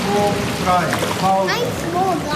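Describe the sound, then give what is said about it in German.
Continuous busy splashing of pool water as eight children, stretched out on the pool steps with their hands resting on an upper step, kick their legs in the water practising breaststroke kicks, steady, with children's voices chattering and calling over it. “Acht Kinder haben sich auf den Treppen des Schwimmbeckens ausgestreckt. Ihre Hände ruhen auf einer oberen Stufe, die Beine strampeln im Wasser.”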